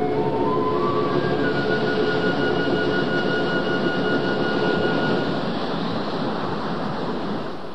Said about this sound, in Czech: Pozor! Velká vlna!